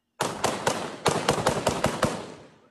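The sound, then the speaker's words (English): A rapid volley of loud gunshots, about nine sharp cracks at an uneven pace, with a booming echo that lingers and fades at the end, as forces loyal to an ousted governor attack in the Baydoa region of southwest Somalia. No voices. “Explosions and gunfire were heard as forces loyal to the ousted governor launched an attack.”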